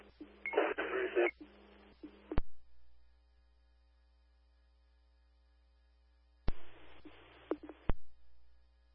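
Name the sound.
radio dispatch alert tones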